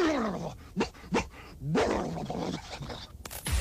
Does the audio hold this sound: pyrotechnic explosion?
no